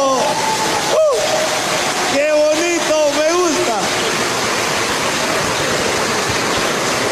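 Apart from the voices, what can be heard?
audience applause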